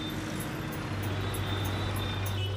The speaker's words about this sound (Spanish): Siempre hay mucho tráfico en Hanoi.